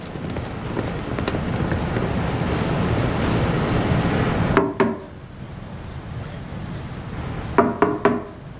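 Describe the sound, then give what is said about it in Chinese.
Police knocking on a wooden door and calling for it to be opened: a couple of solid raps, a pause, then three more hollow knocks. Before the knocking, a steady rain-like hiss fills the background. “警察，开门。 谁？ 李想，开门。半天不开门，磨叽什么呢？”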